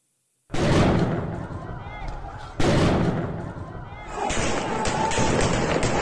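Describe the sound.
Two loud, sharp gunshots, targeted shots fired at defenseless protesters during a bloody crackdown, ring out about two seconds apart, each trailing off in a rumbling echo, with a noisy crowd and indistinct shouting voices filling in after.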